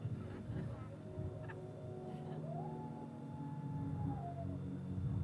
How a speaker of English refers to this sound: Don't mind the coyotes.